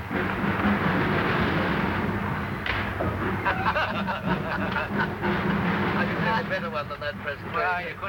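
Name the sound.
train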